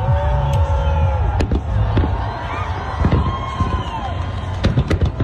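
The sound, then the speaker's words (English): Sharp bursts from a 4th of July fireworks show in New York pop repeatedly over a dense, loud crowd murmur, with some whistling and cheering rising through the steady noise, during blazing heat. “the Macy's 4th of July fireworks show went off without a hitch”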